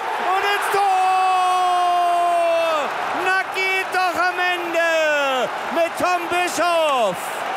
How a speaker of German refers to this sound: Party gab es gestern aber auch an anderer Stelle, nämlich im Stadion. Beim Spiel Deutschland gegen Serbien in der Nations League. Da klang die Party so.